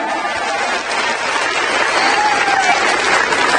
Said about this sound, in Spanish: Dar ese fuerte aplauso a nuestro Señor. Amén.